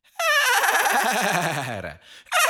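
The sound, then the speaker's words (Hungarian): A voice imitates a horse laughing out from its stable: one long, loud, quavering neigh that slides downward in pitch over about two seconds, followed by a brief breathy snort at the end. “A ló kinevet az istálóból.”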